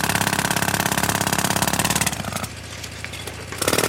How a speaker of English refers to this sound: The drill. It's making the most dreadful racket. What is, geezer? What is? The drill. Do you have to do that now? Sorry, geezer, we're just digging a hole.